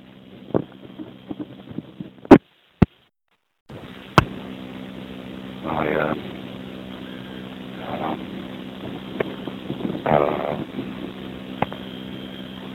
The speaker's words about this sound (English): Very windy today.